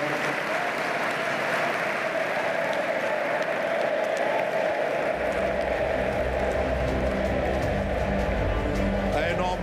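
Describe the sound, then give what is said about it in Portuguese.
Steady, dense applause from a large crowd at a party congress, welcoming Pedro Santana Lopes back to the party near midnight, fills the whole stretch, loud and continuous, with a low rumbling swell joining in about halfway through. “Pedi uma salva de palmas.”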